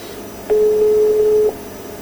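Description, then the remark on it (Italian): A single one-second burst of a steady, mid-pitched ringback tone from a telephone line as an outgoing call rings, heard clearly over faint line hiss, with no voices. “Facciamo di fare tutti gli squilli che poi si possono fare.”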